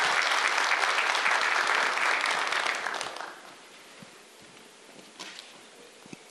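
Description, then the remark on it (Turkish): An audience applauds to invite National Security Council Secretary General, Governor Okay Memiş, back to the stage to present commemorative gifts. Dense, steady clapping lasts about three seconds, then thins to scattered claps and fades to a quiet murmur. “Efendim şimdi günün anısına hediyelerini takdim etmek üzere Milli Güvenlik Kurulu Genel Sekreteri Vali Sayın Okay Memiş'i bir kez daha alkışlarımızla sahneye davet ediyoruz.”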